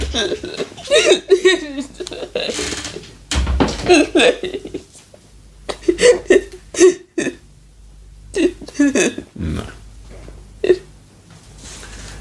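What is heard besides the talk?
girl crying and sobbing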